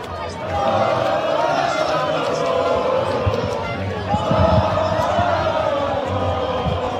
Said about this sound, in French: des cris de joie et des concerts de klaxons sont signalés. Bon, on l'entend en fait, hein, c'est la même chose sur la plage barcelonaise.